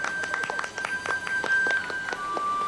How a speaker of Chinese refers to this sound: 工友们，我们今天啊，要欢迎四名老员工回来，大家鼓掌欢迎。